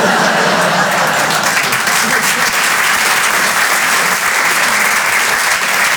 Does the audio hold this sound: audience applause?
yes